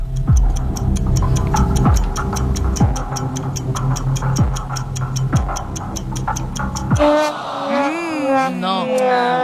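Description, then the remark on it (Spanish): The creaking wooden axle of a Galician ox cart sings in a sustained, droning whine, marked by steady rhythmic clicks and periodic groaning sweeps. It stays loud until voices begin near the end. “Carro gallego cantando.”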